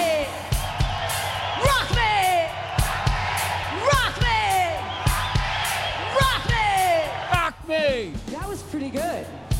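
A large concert crowd in Chicago screams and whoops loudly and without pause for a live CD recording, many voices rising and falling in pitch over one another, with sharp thumping hits punctuating the roar.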